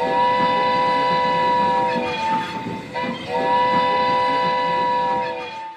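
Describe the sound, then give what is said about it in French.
A steam train's whistle sounds in two long, steady, high-pitched blasts with a brief break between them, over a continuous loud rumble of the train running beneath. “Allez, on va prendre le cheval de fer qui nous emmène sur les territoires Cheyennes, la nation Cheyenne.”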